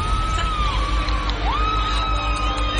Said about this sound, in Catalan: La platja de Palma, els crits